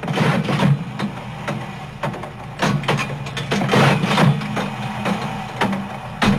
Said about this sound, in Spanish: Efectivamente es un auto viejo. Así lo tenemos registrado, ¿eh? Como efecto carro viejo, dice.